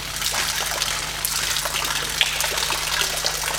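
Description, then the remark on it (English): Water sloshes and swishes inside a sealed plastic bag with no holes in the bottom, a steady watery rush with small crinkly crackles, continuing evenly throughout with no voices. “The plastic bag incredibly well sealed. It's water baby.”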